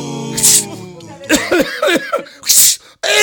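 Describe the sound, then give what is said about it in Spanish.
Two sharp sneezes about two seconds apart, brought on by sinusitis and an itching nose, with a short burst of voiced vocalizing between them and another just starting after the second. “Y ese ratito, hermana querida, ya me ha querido agarrar mis sinusitis, me he empezado a escocer la nariz.”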